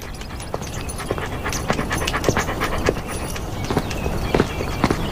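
A large black police dog named Yika pants heavily, quick breaths repeating in a steady rhythm, with light clicking steps underneath and no talking.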